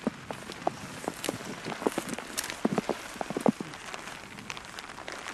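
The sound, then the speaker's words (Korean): Raindrops patter irregularly on a one-of-a-kind raincoat worn while pulling weeds in a front yard, sharp little taps scattered over steady soft rain hiss, with no talking. “이것도 옷에서 나는 이 빗소리가 있잖아요.”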